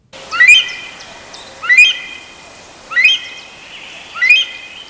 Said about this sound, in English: And new research suggests that Nepal's national bird, the rare Himalayan monal, is changing its call to cope with a sharp increase in human activity.